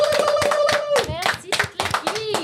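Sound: applause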